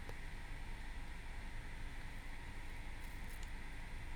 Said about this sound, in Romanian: Mamă, ce plouă ăla.